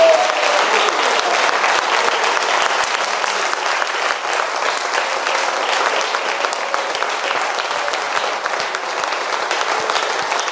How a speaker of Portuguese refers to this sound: Vamos aplaudir a Jesus por aquela vida.